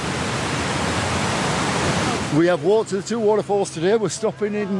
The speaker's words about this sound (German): Das kräftige Rauschen kündigt ihn an, den Wasserfall High Falls, der zu den größten Englands zählt. 21 Meter fällt das Wasser hier senkrecht in die Tiefe.